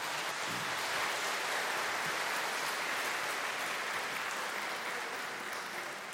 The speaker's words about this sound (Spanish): Saludamos y felicitamos a Yurani con un fuerte aplauso.